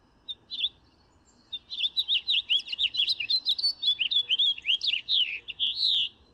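A colourful bird sings a lively, high-pitched warbling song: two short chirps, then a long run of rapid, varied tweets that stays fairly loud and steady, with no voices.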